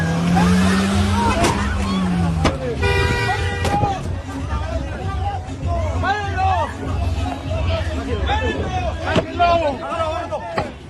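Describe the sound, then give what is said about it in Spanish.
A red car's engine revs as it speeds away from an altercation, driving at a woman, amid a noisy crowd, with a high squealing tone early on like tires screeching, while people shout and talk excitedly throughout. “Tratando de huir de un altercado, el conductor del auto rojo estuvo dispuesto a todo, incluso a atropellar a esta mujer.”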